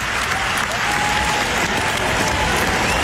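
A large crowd at Wimbledon applauds steadily at a tennis match, cheering Jannik Sinner's fair gesture after Alexander Zverev fell, a dense, continuous wash of clapping that stays loud and even for the whole stretch, with no voices standing out.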